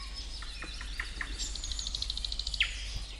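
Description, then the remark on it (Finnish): A Eurasian nuthatch calls at Siikalahti in Parikkala, with scattered high whistled notes, then a quick, evenly spaced run of piping notes and a final sharp one, over a faint low rumble with no talking. “Pähkinänakkelin elämästä kertoi biologi”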